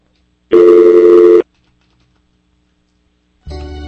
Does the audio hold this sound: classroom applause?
no